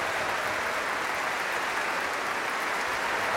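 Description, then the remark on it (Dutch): A concert audience applauds individual orchestra soloists after a Mahler symphony, a dense, even wash of clapping hands that holds at the same loud level throughout without breaks or cheers. “Daar krijgen afzonderlijke solisten uit het orkest applaus.”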